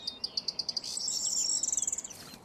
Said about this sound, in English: I'm looking now at the high wires. The high wires are normally a place where the corn bunting like to perch. And it makes a sound, what I would call a jailer just sort of jangling his keys. It's a jingle, jingle, jingle of the keys.